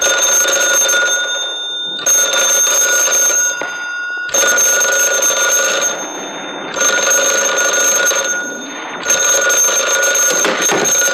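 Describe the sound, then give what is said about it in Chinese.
An old telephone bell rings loudly in five long, metallic bursts separated by brief pauses, jangling on its own with no voices. “立定，接电话。”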